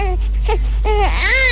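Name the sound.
baby crying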